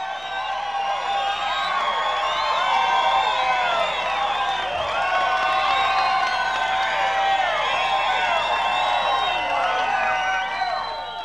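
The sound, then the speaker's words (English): A crowd cheers and applauds loudly for the performer Chubby Wack, many overlapping voices whooping and shouting over steady clapping. It holds at full strength for about eleven seconds before easing slightly at the end. “We want another nice round of applause for Chubby Wack.”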